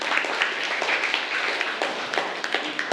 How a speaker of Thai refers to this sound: กลุ่มที่1ปรบมือให้กลุ่มที่1ด้วยค่ะ